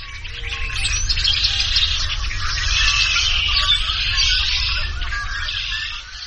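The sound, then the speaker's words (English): A dense, continuous chorus of many blackbirds clinging to reeds at a deserted fishing lake outside Junction City, Kansas, after five days of rain, whistling and chattering at once: a high, shimmering wall of overlapping calls that holds steady throughout, with a low rumble underneath. “Outside Junction City, Kansas, at a deserted fishing lake, the blackbirds hang onto the reeds and whistle a wild chorus.”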